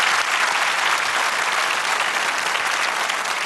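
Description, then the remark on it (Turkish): Sustained audience applause for folk dance teams before they go on stage, a dense, steady wash of many hands clapping at an even loudness throughout, with no talking over it. “Onlara da şimdi çıkmadan büyük bir alkış alalım. Moral alkış olsun.”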